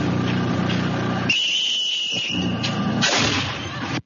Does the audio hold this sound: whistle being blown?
yes